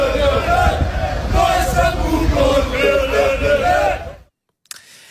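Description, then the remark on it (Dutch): A packed football stadium crowd in Greece, at a Champions League match between Olympiakos Piraeus and NEC, chants loudly in unison, a dense roar with rhythmic rising and falling voices, cutting off abruptly near the end before a brief faint click. “Hoor even het publiek.”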